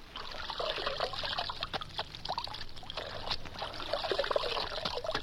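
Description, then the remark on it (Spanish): Water is poured onto a horse's legs, splashing steadily for several seconds, a continuous trickling with small irregular spatters as it runs over them. No voices are heard. “Le mojaré las patas.”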